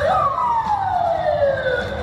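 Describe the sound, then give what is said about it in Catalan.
A loud police car siren wails continuously, its tone sliding steadily downward as the vehicle passes, with traffic rumble underneath and no talking. Police cars respond to an explosion at a café on Kudrinskaya Square, in a busy area near the Moscow Zoo in central Moscow, Russia. “So de sirenes i cotxes policials arran de la deflagració a una zona molt concorreguda a prop del Parc Zoològic de Moscou.”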